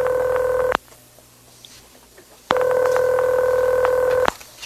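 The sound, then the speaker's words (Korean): Electronic telephone tones ring out clearly as someone calls a pastor in the morning: a short steady beep, a quiet pause of nearly two seconds, then a longer sustained tone, with no voices present. “다음 날 아침 도움을 받고 싶어서 한 목사에게 전화를 했는데 그는 알코올 중독자는 다르지 않는다고 대답을 했고 그 대답을 들은 저는 전화기를 던지면서 화를 냈죠.”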